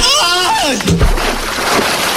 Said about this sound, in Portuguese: Depois disso, ele tibunga num açude com água gelada.